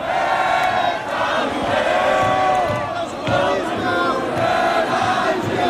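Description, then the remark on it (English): A large crowd in Paris sings the Marseillaise, the French national anthem, together as a game wraps up around midnight, many voices blending into a loud, sustained chorus that fills the space, with a brief dip partway through before the singing swells again. “As the game wraps up around midnight, the crowd sings the Marseillaise.”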